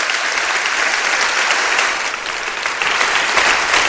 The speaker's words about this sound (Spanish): Os pido un aplauso para que se sienta la fuerza de los que estáis aquí y nuestro apoyo a toda esa gente que está trabajando por ayudar a los demás.